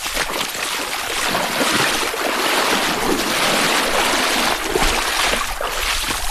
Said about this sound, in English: When we reached it, the Teklinika was running fast and high, so we used a pack raft to cross,